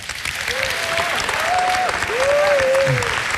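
A crowd claps steadily and densely throughout, a loud continuous patter, while a few voices let out long rising whoops of cheering over the applause.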